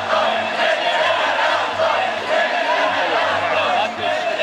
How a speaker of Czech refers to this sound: a Davu reaguje.